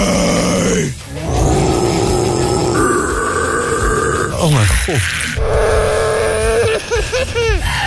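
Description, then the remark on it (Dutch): A very long, loud, burp-like rumble drones on for several seconds, its low pitch wobbling and sliding in sweeps, with a brief exclamation from a voice partway through. “Het lijkt wel een hele lange boer.”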